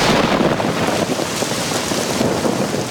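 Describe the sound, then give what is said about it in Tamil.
Heavy rain that damages crops pours steadily and loudly, a dense continuous hiss with a deep rumble of thunder underneath, no voices present. “ஆஹா, இந்த மழையாலையும் பயிர் பாதிச்சிருச்சே, இப்ப என்ன செய்யறது?”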